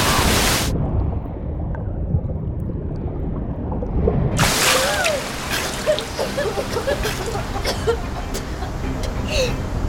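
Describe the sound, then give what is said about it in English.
Heavy ocean waves crash over swimmers in deeper water at the edge of a reef, one brief hiss of surf, then a muffled churning rumble before a second wave breaks loudly and keeps roaring, with water splashing and swirling throughout. “Here comes another wave. Hold your breath.”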